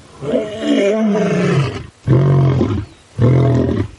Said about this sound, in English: So lions will do these sequences where they're like, roar, roar, and then they do grunts.